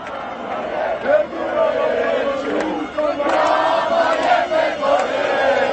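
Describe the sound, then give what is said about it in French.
A large crowd of thousands of Albanian protesters shouts angrily beneath the windows of Prime Minister Edi Rama in a continuous, dense roar of many voices, with chanting swells and peaks rising above the steady din throughout. “Ils sont des milliers d'Albanais à crier leur colère sous les fenêtres du Premier ministre Edi Rama.”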